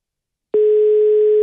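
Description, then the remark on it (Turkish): A telephone ringing tone on a call: after a brief silence, one steady, loud electronic tone starts abruptly and holds unbroken to the end. No voices. “Yine çok gür çalıyor telefon.”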